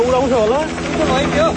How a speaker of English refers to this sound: More than a dozen helicopters have been deployed.